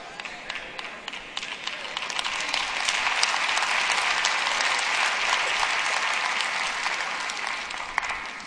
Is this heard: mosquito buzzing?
no